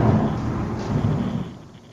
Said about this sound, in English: We're raining in Medford, New Jersey as well. Oh, how! Hold on. There's another lightning. We're going to get a big thunderclap.